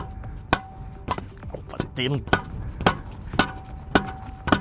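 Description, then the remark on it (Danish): A hammer strikes repeatedly, about eight or nine sharp, knocking blows in a fairly steady rhythm, with a brief voice sound partway through. “Så jeg tænker lige at prøve at se, om jeg kan”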